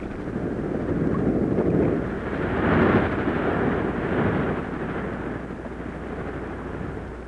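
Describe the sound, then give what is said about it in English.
Sea waves roar in a steady, deep rumble that swells and eases in a few broad surges, loud and continuous throughout, with no voices. “But all of us who live near the sea can listen to the majestic roar of the waves on its surface.”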